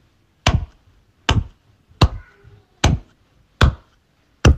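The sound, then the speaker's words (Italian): Six sharp hand claps made over a phone call to demonstrate a rhythm, counted as 66 per minute, in a slow, steady rhythm, each a crisp, loud smack followed by a brief decay, with quiet gaps between them and no voices. “Fammi sentire tipo con un applauso.”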